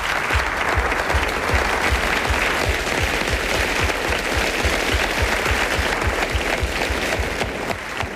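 Sustained audience applause for the narrator and voice cast of a performed story, a dense steady wash of many hands clapping at full volume for about eight seconds, with no voices standing out.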